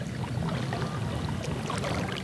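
A kayak paddle dips into water in steady strokes, giving soft splashes and a continuous watery trickle at moderate volume. No one speaks.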